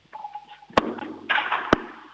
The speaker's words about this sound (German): Das ist im Stiegenhaus wahrscheinlich. Das ist eine richtig coole Türklingel, Lea. Die gefällt mir.